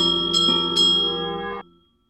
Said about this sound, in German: Ungestüm riss Messle Thierry an der Glocke. Plötzlich hielt er inne.